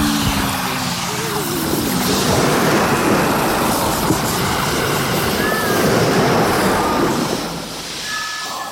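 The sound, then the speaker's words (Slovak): A loud, steady roar of water flooding a sinking ship's lower deck surges without pause, full, with a deep rumbling undertone and a few faint high creaks or whines breaking through near the end. “Podpalubie zaplavila v priebehu niekoľkých minút voda.”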